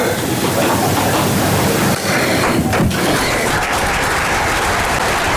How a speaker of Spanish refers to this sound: Discurso de María Chivite ante el Comité Regional del Partido Socialista, que, como escuchamos, aplaude el discurso de la que ya es su precandidata a liderar la lista al Parlamento del Partido Socialista